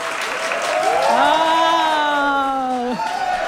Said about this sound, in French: Regarde, ils suivent ma main là, quand je leur dis d'applaudir. Là.